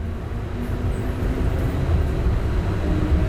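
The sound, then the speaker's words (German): A tram rolls along Sniper Alley, a multi-lane main street, heard from inside as a steady, loud low rumble with a faint rattling hiss that holds constant throughout, with no voices. “Ich fahre mit der Straßenbahn die sogenannte Sniper Alley entlang.”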